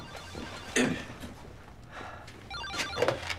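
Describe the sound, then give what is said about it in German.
A telephone rings, two short bursts of ringing separated by a pause, fairly faint against quiet background noise. “Sie gehen mal ans Telefon.”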